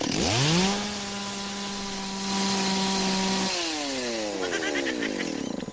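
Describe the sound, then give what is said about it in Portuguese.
A jet ski engine at a marina in Balneário Camboriú, Brazil, revs up sharply, holds a loud, steady high-pitched whine for a few seconds, then drops and winds down with a buzzing, chainsaw-like rasp, with no talking. “Quem não entende do jet ski vai falar que é uma motosserra.”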